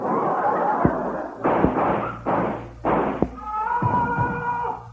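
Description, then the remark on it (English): Gunshots just outside a door: a few sharp, loud cracks scattered among rough bursts of noise, followed by a sustained, wavering higher-pitched tone at the end. “Somebody's been shot just outside the door.”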